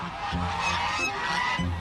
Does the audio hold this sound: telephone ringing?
no